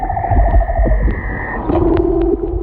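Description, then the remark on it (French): A male leopard seal's underwater song during the mating season: long, steady whistling tones that glide down to a lower buzzing trill, set against a low, murky rumble, with no voices. “Alors ça, c'est l'exemple du chant d'un léopard de mer.”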